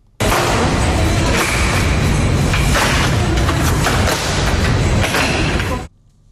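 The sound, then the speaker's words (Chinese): A folding chair from Yiwu, about the size of an ordinary camping chair, collapsing shut to the size of a large rectangular tote bag, a loud, dense run of clicking and rattling metal-and-fabric clatter with a few sharper snaps, lasting several seconds before stopping abruptly. No one speaks. “这个音频呢只有几声咔咔咔咔，一把和普通露营椅差不多大的椅子呢就瞬间变成了大号长方形手提袋的大小，可以直接用单手拎着走。”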